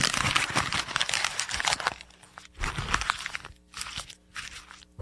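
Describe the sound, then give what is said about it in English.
Paper is folded and crumpled in the old Rush Limbaugh studio, a long crackling rustle followed by three shorter crinkling bursts with brief pauses between them. No one speaks. “By the way, I just noticed that we're in the old Rush Limbaugh studio, and it sounds, when he used to fold up the paper, that's my tribute, and it sounds much better in the studio.”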